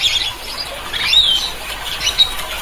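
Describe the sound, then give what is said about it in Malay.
Hoarse, raspy calls of a red-and-blue lory (sampiri or nuri Talaud), a brightly coloured parrot up to 31 cm long, endemic to the Talaud Islands Regency, Sulawesi: several short squawks and squeaky chatters in a loose, uneven series at moderate volume, with a faint background hiss and no talking. “Kicauannya yang terdengar parau atau agak kasar dengan volume yang sedang dan bernada pendek.”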